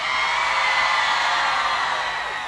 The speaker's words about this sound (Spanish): Con mucho cariño de la gente del Bosque, que hace un grito por Alanis.